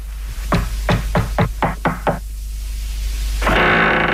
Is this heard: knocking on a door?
yes